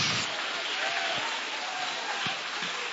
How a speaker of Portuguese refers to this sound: essa mão, bate as palmas e glorifica o nome dele. Exalta o nome de Jesus.